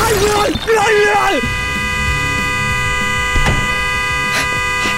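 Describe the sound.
A car horn blares in one long, steady, loud tone that holds to the end, set off by someone's head resting on the horn inside the car, after a brief moment of voices and shuffling at the start.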